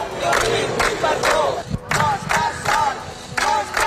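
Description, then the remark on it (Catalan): About thirty people with banners shout support in unison outside the Audiència de Barcelona courthouse, rhythmic chanted bursts repeating roughly every half second, loud and sustained, with a brief dip before the chanting resumes. “Roger Espanyol ha arribat a les 9 del matí a l'Audiència de Barcelona, on l'esperaven una trentena de persones amb pancartes i crits de suport.”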